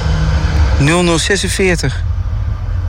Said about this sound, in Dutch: Hij pakte namelijk de laatste bus die stopt op de halte De Brink in Zuid-Laren. Daar komt hij aan. De laatste bus 5 die gaat stoppen bij De Brink.